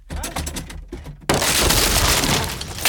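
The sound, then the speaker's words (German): A door is kicked in: several heavy thumps in quick succession, then a sudden loud crash of splintering and breaking that fills the rest of the moment. “Sie haben die Tür eingetreten.”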